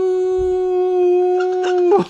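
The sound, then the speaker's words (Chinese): A single long wolf howl played electronically by a robotic wolf scarecrow. It holds a steady, even pitch for about two seconds, then breaks off with a brief downward slide. Loud, with no talking. The scarecrow's howl can carry up to 1 kilometre. “然后最重要的是它会叫， 哦， 它的嚎叫声啊，最远可以传到1公里之外，啊呜。”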